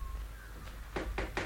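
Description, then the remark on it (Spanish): Three firm knocks on a door in quick, even succession, preceded by a fainter tap, against a low background hum with no one speaking. “Los toques en la puerta lo hacen reaccionar.”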